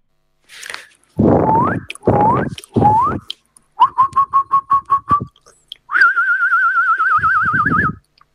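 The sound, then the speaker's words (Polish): A listener's recording of a person imitating a jackdaw call: three rising, throaty squawks, then a rapid run of short chirps, ending in a long, wavering whistled trill, all loud and with no talk. “To był naprawdę bardzo ładnie udany ptak.”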